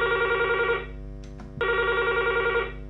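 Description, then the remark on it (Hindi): A telephone rings with an incoming call from the first caller to a phone-in song request program: two bursts of a bright, warbling electronic ring separated by a short pause, loud, with no one talking. “देखते हैं आज हमारे पहले कॉलर कौन है।”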